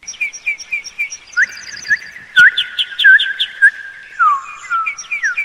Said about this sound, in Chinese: 没想到主播这么多才多艺，还会吹口哨，关注了。